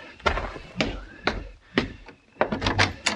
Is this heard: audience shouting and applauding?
no